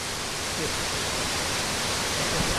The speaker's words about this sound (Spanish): Bien, pues esta es la cascada de las Herrerías.